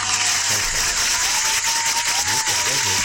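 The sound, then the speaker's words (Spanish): An audience gives real, not simulated, applause in a dense, steady wash of clapping that holds at an even loudness for about three seconds, with a few voices faintly audible underneath. “Un aplauso, que no es un aplauso simulado.”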